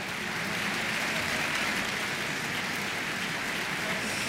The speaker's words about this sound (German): Jetzt ist gerade noch mal das gesamte Ensemble hier auf die Bühne gekommen in der Kölner Philharmonie, nimmt den Beifall entgegen.